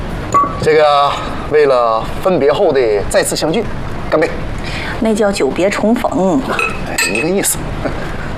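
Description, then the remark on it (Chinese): A few bright glass clinks ring out in a toast to reuniting after a separation, amid lively conversation between people sitting at a table over a meal, with faint tableware sounds in the background. “这个为了分别后的再次相聚，干杯！”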